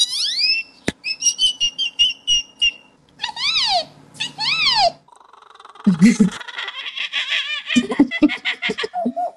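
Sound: boy imitating bird calls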